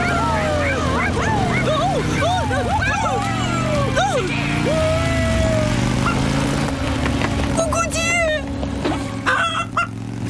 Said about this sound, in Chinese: 这些淘气的狗狗吓到可怜的咕咕鸡了，恐怕我只能要求你们离开这里了。